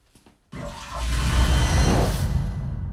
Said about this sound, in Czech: Co s ní teď uděláš? Tohle. Teď už spláchnu.